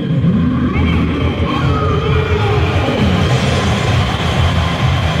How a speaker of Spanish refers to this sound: Cada nombre que se anuncia en el alto parlante viene acompañado de una ovación de la gente. Veamos al Vasco Aguirre cómo lo reciben.